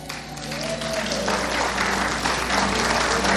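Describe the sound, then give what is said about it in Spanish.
Audience applause at a ceremony honoring a high school graduate, a steady wash of many hands clapping, with faint voices murmuring underneath. “Un aplauso”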